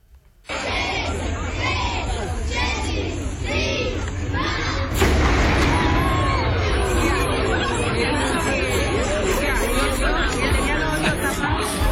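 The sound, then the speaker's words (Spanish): A crowd of tourists gathering at a tower in the old part of the city for the daily midday cannon shot, chattering together, a steady dense babble of many overlapping voices with no single speaker standing out, swelling louder about halfway through and staying busy to the end. “Pero esto es la gente como se reúne.”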